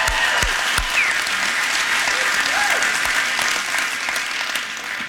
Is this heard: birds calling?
no